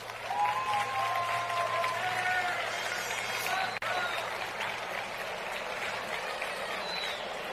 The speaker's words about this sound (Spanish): Un fuerte aplauso.